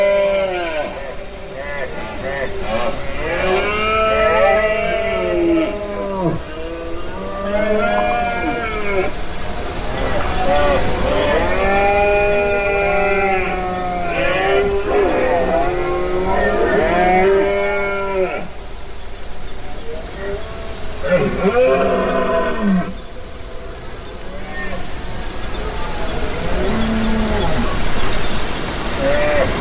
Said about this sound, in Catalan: Aquesta que escolteu és la brama dels cérvols a Beaumort, en aquesta muntanya calcària a la Conca de Dalt i al Pallars Jussà, i que s'engloba dins d'un gran parc natural que és super immens